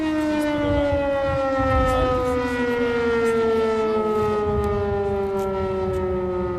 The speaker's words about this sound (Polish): Alarm się kończy.